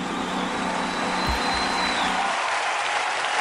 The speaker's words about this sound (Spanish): Fuerte ese aplauso.